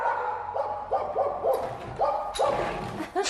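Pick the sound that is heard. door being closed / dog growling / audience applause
dog growling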